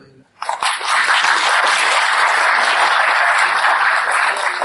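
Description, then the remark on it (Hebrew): A crowd bursts into sustained applause after a brief quiet moment, many hands clapping in a dense, steady wash that stays loud and even throughout, with no voices standing out. “אחרי כאילו מחיאות כפיים, זה עושה חשק לתת הדרם.”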